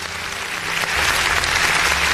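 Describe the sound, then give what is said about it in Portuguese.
Steady applause sound effect played from a button, in praise of the Federal Police and Military Police: a dense wash of many hands clapping at once that swells slightly and holds loud, with no voices over it. “Então, se você estiver, por favor, aperta o danado desse botão aí, porque eu quero parabéns ou então aplausos aí para a nossa Polícia Federal e para a nossa Polícia Militar.”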